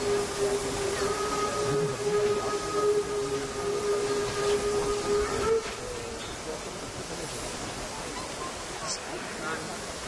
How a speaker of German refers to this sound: Die 3510-97 kommt jetzt auf die Drehscheibe und wird anschließend direkt auf das Kohlegleis umsetzen.